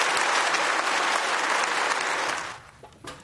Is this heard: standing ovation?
yes